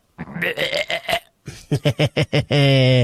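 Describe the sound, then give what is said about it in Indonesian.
A voice imitates vomiting with a string of throaty, gagging heaves, then a quick run of five rhythmic retching pulses, ending in one long, strained, droning groan. “Suara muntah gimana?”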